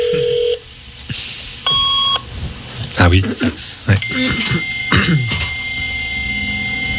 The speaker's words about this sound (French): Le modem, ça. Ouais, oui. C'est vrai.